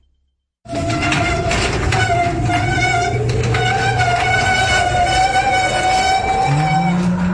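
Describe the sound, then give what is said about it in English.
After a brief silence, an old garage door rattles and grinds loudly and without a break, with a steady metallic whine running through the clatter. No one speaks. “It sounds like your old garage door is trying to scare you again. It's noisy, it's cranky, and honestly, it looks like it might be haunted.”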